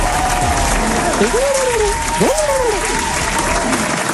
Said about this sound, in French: on peut applaudir très fort